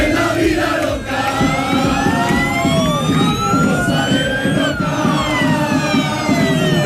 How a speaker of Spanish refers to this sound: La expectación es tal que fíjense cómo despidieron ayer por la tarde cientos de aficionados del Málaga al equipo cuando salía en autobús rumbo a Almería.